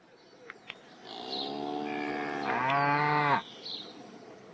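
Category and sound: animal, cow mooing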